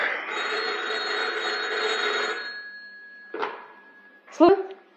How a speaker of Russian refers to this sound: Но телефон? Я сама подойду.